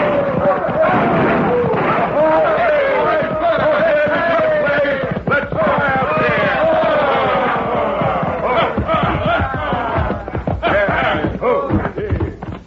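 A rowdy crowd of hoodlums on horseback rides into Dos Rias, whooping and yelling together loudly while sharp gunshots from their guns crack repeatedly through the shouting and hoofbeats clatter underneath.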